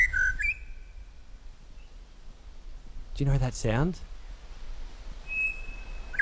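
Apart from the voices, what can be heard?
pied butcherbird song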